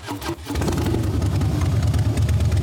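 A motorcycle engine catches after a brief sputter and settles into a steady, loud, rumbling idle with a rhythmic low-pitched chug, with no talking.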